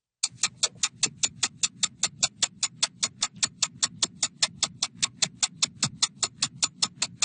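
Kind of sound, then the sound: household object, clock ticking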